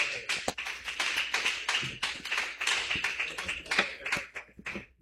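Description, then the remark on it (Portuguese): A church audience claps steadily and loudly to welcome a woman who will sing praise to Jesus. A dense wash of many overlapping hand claps, with sharper individual slaps standing out, continues without pause and with no voices. “Recebe a serva de Deus com bastante palmas, bem forte para Jesus.”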